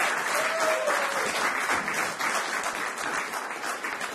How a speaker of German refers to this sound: Er darf euch ja schon beim nächsten Song wenigstens nicht angucken, dann kriegt er wenigstens ein bisschen Applaus.